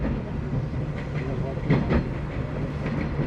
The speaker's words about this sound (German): Das ist schön mit diesem Klick, Klack, Klick, Klack. Wie zu DDR-Zeiten in den Zügen so.